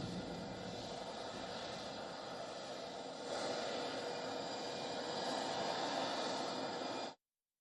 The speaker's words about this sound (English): Trump flew on a U.S. military plane known as a C-32A.